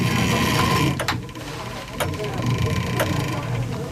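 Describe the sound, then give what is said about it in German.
The clockwork of the chapel in Arnsbeck, with many gears, a small motor and a crank, being cranked, with sharp mechanical clicks landing roughly once a second over a steady whirring, grinding hum of machinery. “Das sind viele, viele Zahnräder. Da ist noch so ein kleiner Motor, da ist eine Kurbel”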